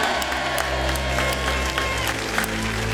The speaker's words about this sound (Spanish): Ya directamente está con nosotros, le damos una gran ovación. Es amigo de la casa, lo creo mucho.